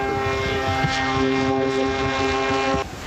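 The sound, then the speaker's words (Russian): A model aircraft's small propeller engine drones steadily in flight in a high, buzzing whine with strong harmonics, holding an even pitch before cutting off abruptly near the end. “Это первая птица, которую не уронил на пятой секунде. Он может еще вот так летать.”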